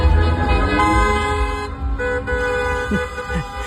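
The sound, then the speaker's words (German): Many car horns honk at once in a celebratory motorcade of fans after a German win at the football World Cup, a sustained, overlapping chorus of steady blaring tones and occasional extra toots over a busy street din and indistinct voices. “Da sind die Ersten vor Begeisterung gleich ins Auto gestiegen und hupend durch die Städte gefahren.”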